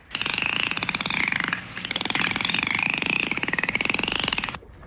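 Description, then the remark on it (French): A dolphin lets out a rapid, buzzing train of clicks overlaid with a wavering high whistle, loud and steady for several seconds with a brief break partway through. “Belle observation, non, c'est un dauphin.”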